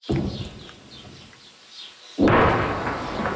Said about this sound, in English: Distant explosions echo across the south as Israeli troops push deeper into the country and raise their flag over that historic ridge.